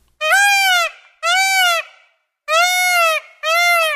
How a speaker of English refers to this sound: All right, you've heard it. Are you ready for the answer? That is a peacock.